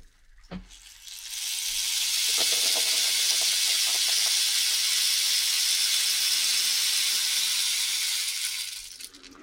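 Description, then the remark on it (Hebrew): A rain stick is tipped, sending a steady, bright cascade of tiny pattering grains that swells in, holds for about eight seconds, then fades out, with a single soft tap just before. “משהו פה גם מקל גשם.”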